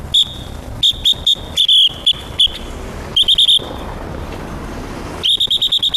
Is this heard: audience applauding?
no